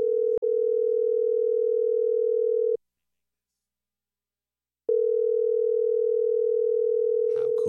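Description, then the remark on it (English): A steady telephone dial tone, made of two clean sine-wave pitches blended together, hums for a few seconds, cuts out into silence, then resumes just as loud with a faint click and brief noise near the end. “And do you hear that modulation happening when those two pitches, those two frequencies that are clean sine waves, when they go together, they make this.”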